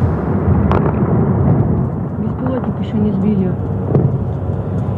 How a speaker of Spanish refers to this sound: Ese sonido de los misiles y ese sonido de la guerra está marcando también los mercados.